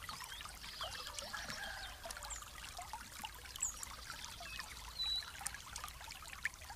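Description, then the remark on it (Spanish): Soft, steady trickling water runs continuously, a gentle babbling flow with small splashes and drips scattered throughout, fairly quiet with no voices. “Permite que esta agua te habite, un agua nueva, una vitalidad fresca.”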